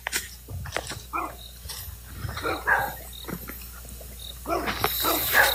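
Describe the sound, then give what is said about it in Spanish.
Several guard dogs belonging to a warehouse (bodega) bark by a small cabin in short, irregular bursts, mixed with low growls, the yapping rising and overlapping toward the end. The barks are moderately loud with no voices. “Oye, ¿y en esa cabaña ahí no hay gente o esos perros de quién son?”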